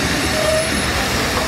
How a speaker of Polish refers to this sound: Spóźniony pociąg.